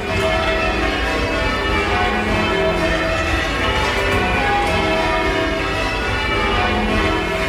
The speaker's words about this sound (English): In the ringing chamber, you can't see any of the bells. They are all in the room above where the ringers stand. What you can see is eight ropes that dangle down from the ceiling, which are attached to the eight bells above in the bell chamber.